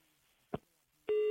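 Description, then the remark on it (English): A short click or thump, then a steady electronic telephone tone begins abruptly and holds loud, a clean tonal note with harmonics like a busy signal after a call drops. No one speaks. “A line I drop.”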